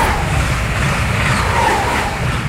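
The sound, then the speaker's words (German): A train rolls past in a steady, loud roar, deep rumbling underneath with a broad hiss on top, holding the same level throughout without any voices. “Wenn der Zug hier vorbeifährt irgendwie, das ist für mich nicht unbedingt ein Zeichen der Hoffnung. Weil das ist eher so ein Geräusch, was irgendwie alles unterbricht.”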